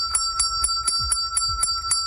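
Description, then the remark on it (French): A hand bell rings rapidly and steadily, its clapper striking about eight times in two seconds while a bright metallic tone sustains between strikes, clear with no voices. It is rung at a job-training enterprise when a participant has found a job. “Et lorsqu'on entend la fameuse cloche qui sonne, eh bien, ça veut dire que tout le monde peut célébrer avec celui ou celle qui s'est trouvé un emploi, d'en témoigner.”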